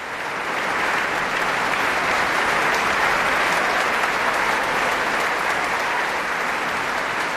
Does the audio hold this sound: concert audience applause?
yes